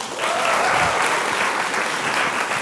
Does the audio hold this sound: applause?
yes